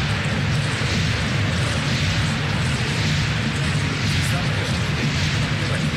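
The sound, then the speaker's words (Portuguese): An agitated football crowd roars at Palmeiras' ground, Nubank Park, a loud, dense, continuous wall of noise with a deep rumble underneath, sustained for the whole stretch without letting up. “A torcida está agitada aqui no campo do Palmeiras, no Nubank Park.”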